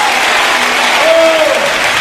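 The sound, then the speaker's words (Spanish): Loud, sustained applause from a large audience, given in praise of God, a dense wash of clapping with a brief tonal whistle or cheer rising briefly through it. “¡Un aplauso fuerte a Él!”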